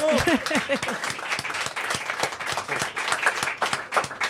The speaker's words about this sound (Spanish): Un cariñoso aplauso a Dara Camaño, a Cuncheira de Sofán.